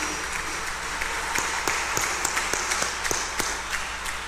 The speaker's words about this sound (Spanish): aplauso de felicitación.